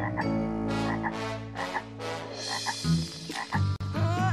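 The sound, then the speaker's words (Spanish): A frog croaks repeatedly in loud, rhythmic bursts, its throaty calls layered over a steady low hum with no talking. “¿Será otra rana intrusa?”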